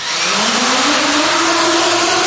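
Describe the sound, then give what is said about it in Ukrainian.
A loud, steady buzzing whine of an FPV drone, its motor pitch climbing gradually over a couple of seconds above a wash of rushing noise, with no voices. “Дуже добре запам'ятайте цей звук, звук FPV-дронів, який ви чули.”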